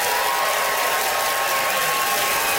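Steady, dense applause from a large audience voting by applause for one of the contestants on stage fills the whole stretch, a continuous crackle of many hands clapping at once with no voices breaking through.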